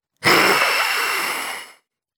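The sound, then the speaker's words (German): A wild, breathy dragon hiss, one loud rasping exhalation lasting about a second and a half, rough and airy with a faint growling undertone, then cutting off. No one speaks. “Dann hört sie ein wildes Fauchen.”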